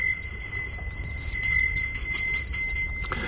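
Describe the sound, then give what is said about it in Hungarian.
A doorbell rings continuously, a steady, bright, high-pitched tone held for several seconds over a low background rumble, with a brief dip partway through before it carries on. “A csengetést persze nem hallotta meg senki sem.”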